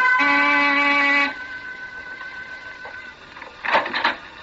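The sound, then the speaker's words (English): A door buzzer at 15 Cantilever Walk, a big gray stone house with iron over every window, sounds once in a loud, steady, low-pitched drone for about a second, then cuts off, leaving a faint hum and a brief scuffling noise. “I rang the door buzzer.”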